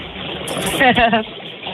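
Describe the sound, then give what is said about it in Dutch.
Hot tub bubbles churn in a steady rushing hiss throughout, with a brief voice rising over the water partway through. The hot tub is in a sunny, south-facing garden, its water heated to 38 degrees. “Staan de bubbels al aan,”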